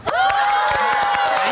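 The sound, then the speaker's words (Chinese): An audience cheers loudly to vote for a performance, with sustained high shouts and whoops over a steady patter of clapping, holding at full strength throughout the brief burst. “哦，能明显感觉到第二波掌声和欢呼声更为热烈。”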